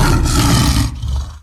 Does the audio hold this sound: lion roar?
yes